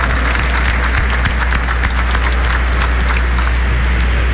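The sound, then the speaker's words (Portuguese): A crowd at a church celebration in the Diocese of Mogi das Cruzes, Brazil, applauds steadily for a few seconds to welcome the ministers, readers and children, a dense, loud wash of many hands clapping at once with scattered sharper claps and no voices over it. “Sejam todos muito bem-vindos, acolhemos os nossos ministros, leitores, todas as crianças em festa, com uma bonita salva de palmas.”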